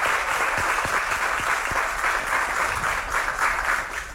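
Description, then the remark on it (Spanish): A crowd at an event in Guasave applauds the municipal president steadily, a dense wash of many hands clapping at an even, fairly loud level throughout, with no voices standing out. “Un aplauso, por favor, para la doctora.”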